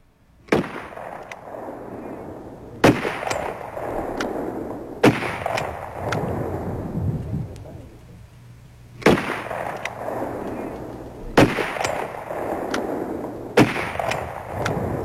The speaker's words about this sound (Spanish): Dice que son balazos, efectivamente son los balazos.